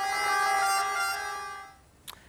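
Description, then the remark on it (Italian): Emergency sirens blare in a steady, sustained wail with layered tones, sounding in salute to the coffin at the end of a funeral mass, holding loud for over a second before fading away, followed by a brief sharp knock. No one speaks. “Alla fine della messa, il saluto al feretro accompagnato dal suono delle sirene.”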